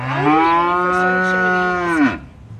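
A single long, loud moo from a cow, held steady for about two seconds before dropping off abruptly, with no talking around it.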